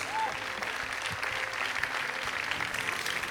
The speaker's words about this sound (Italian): Si prenda gli applausi del pubblico, meritati per questo premio.